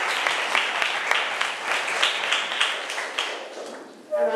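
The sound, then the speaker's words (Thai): A group of students in class clapping for themselves at their teacher's request after a classroom activity, a dense stream of many overlapping hand claps that holds steady for about four seconds, then fades as a voice begins at the very end. “เก่งมากๆเลยปรบมือให้ตัวเองหน่อยค่ะ”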